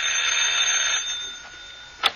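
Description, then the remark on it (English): A bright, buzzing doorbell at a house rings steadily for about a second and fades, then a single sharp chime-like strike follows near the end. No voices are heard. “I'll ring the doorbell.”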